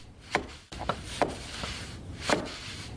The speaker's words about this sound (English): On a gray morning with light snow, a wiry man with a plaid shirt, a tool belt, and a full white beard taps weather stripping into place around a side door.